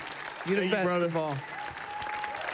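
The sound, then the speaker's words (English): Steady audience applause for Eddie Huang at the Sydney Goldstein Theater in San Francisco fills the whole stretch, a dense patter of clapping, with a loud sustained voice cheering over it early on before the clapping carries on alone. “Give it up for Eddie Huang, everybody.”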